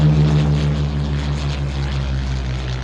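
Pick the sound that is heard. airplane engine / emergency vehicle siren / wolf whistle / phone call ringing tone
airplane engine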